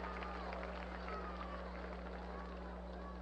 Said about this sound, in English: And a nice round of applause for that play by Bateman in left.